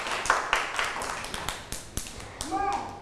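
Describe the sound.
A steady run of about ten sharp hand claps in an even rhythm, fairly loud, with a child's high voice rising briefly near the end.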